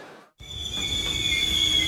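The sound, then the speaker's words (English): After a brief silence, car brakes let out a sharp, piercing squeal that holds steady at a high pitch over a low rumbling undertone. “Hearing that sound? Before you spend big on brakes, get a second opinion at Mid Valley Automotive.”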